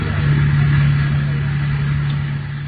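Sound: car driving up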